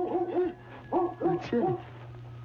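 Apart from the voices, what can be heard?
dog barking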